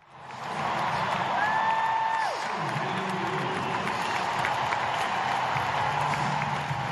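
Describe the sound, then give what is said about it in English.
A large tennis crowd at the US Open in New York, September 2022, recorded on a phone, cheers and applauds as Serena Williams loses what was then thought her last match, a dense, steady roar that holds throughout, with a shrill whistle rising briefly near the start before sliding down. “The sound of cheers there, recorded on my phone back in September 2022 as Serena Williams, one of the tennis greats, lost at the US Open in New York, playing what we thought back then was the last match of her career.”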